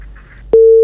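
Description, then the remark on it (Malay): A telephone busy tone after a radio call-in caller from Padang Guci is cut off because of strong feedback: a steady, loud electronic beep cuts in abruptly over faint line hiss and holds for about a third of a second before stopping. “Aduh, diputus ya.”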